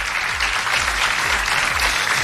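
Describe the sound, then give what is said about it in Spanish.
A steady wash of audience applause, dense clapping from many hands sustained at an even level throughout, fairly loud with no voices standing out: a big round of applause for the jury of the Pulsar awards. “démosle un fuerte aplauso a todo el jurado de los Pulsar, que tienen una tarea tan, tan, tan difícil.”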